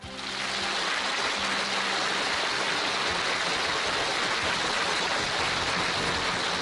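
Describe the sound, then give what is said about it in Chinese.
Steady, dense applause from the audience of a recorded show, welcoming the second guest, a health-preservation professor: a continuous crackling wash of many hands clapping at an even loudness throughout, with no voices heard. “再次掌声有请。”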